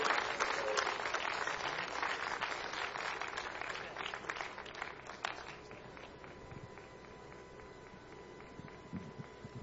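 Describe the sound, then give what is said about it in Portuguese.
An audience at a church service applauds Jesus in a dense, loud burst of clapping that fills the first half, then thins out to scattered claps while a faint steady tone lingers underneath. “Vamos aplaudir Jesus bem bonito, irmãos. Pode bater palma e dar glória a Deus.”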